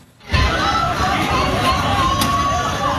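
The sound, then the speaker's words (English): A huge home crowd at Azteca Stadium erupts into cheering after a brief moment of quiet as Mexico scores the opening goal against South Africa in the ninth minute of a World Cup match, a loud, dense, unbroken roar of many voices that holds steady to the end. “The opening goal scored by Mexico in the ninth minute, sending the home crowd into a frenzy at Azteca Stadium.”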